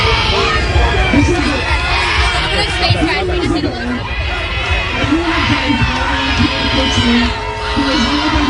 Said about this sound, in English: There was booing and screaming at him as he entered this candlelight vigil at Union Square in New York City.